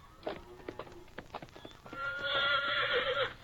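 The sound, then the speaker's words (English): Hooves clip-clop in an uneven rhythm for a couple of seconds, then a horse lets out a loud, drawn-out whinny that carries to the end. No one speaks. “Nice looking horse you got there.”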